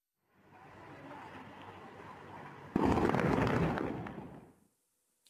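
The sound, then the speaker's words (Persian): A deep, rumbling roar of explosions builds steadily, then a sudden louder blast surges in and booms for a couple of seconds before fading away. No one speaks. Several strong explosions in Ahvaz, Iran, shaking buildings and windows. “بر اساس پیام‌های ارسالی از ایران، صدای چند انفجار شدید در اهواز شنیده شده.”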